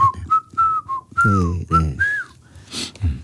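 A person whistles a slow, gliding melody of several sustained notes over a soft band backing with bass and guitar, the whistle clear and prominent in the mix.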